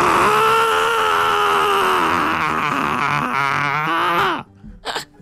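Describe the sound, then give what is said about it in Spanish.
A voice imitates the angry scream of Tronchatoro from Matilda, in the scene where she fails to find Matilda in the garden: one long, strained, harmonically rich yell held for about four seconds, wavering in pitch before cutting off, followed by a brief breathy sound. “Y tengo el grito y todo cuando se enoja.”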